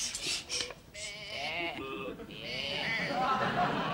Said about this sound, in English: No, that sheep you've got there. No, that's definitely a sheep.